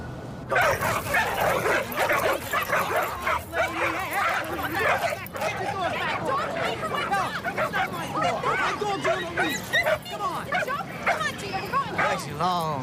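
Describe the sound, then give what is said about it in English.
Several dogs bark, yip and whimper almost continuously, overlapping one another amid a busy background of crowd chatter, like a lively dog park. “I didn't know you walked your own dog. Which one is yours? Under the tree, the Doberman.”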